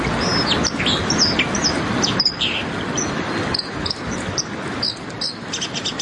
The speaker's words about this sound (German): Da ist schon gut erkennbar, dass da Wasser ist. Und eine Amsel, also die Wasseramsel, so der Gesang.